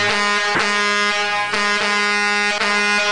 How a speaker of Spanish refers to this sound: Gracias ahí a los amigos de Las Pipas que ya pasaron tocando el claxon, que van a todo lo que da.